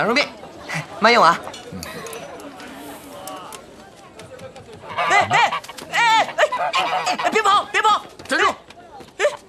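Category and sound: bird, duck quacking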